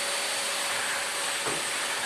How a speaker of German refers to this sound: Einfach vorher nochmal schnell durchsaugen.